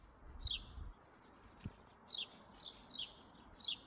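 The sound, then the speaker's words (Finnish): House sparrows chattering in the morning: repeated short bright chirps ring out in quick bursts, five or so spread over a few seconds, against a steady outdoor background hum with a couple of low thumps. “Varpusten pulinaa siinä tältä aamulta.”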